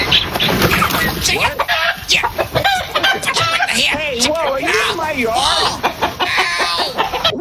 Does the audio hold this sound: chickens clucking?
yes